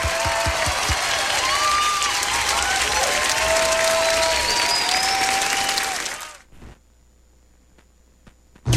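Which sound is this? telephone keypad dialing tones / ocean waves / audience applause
audience applause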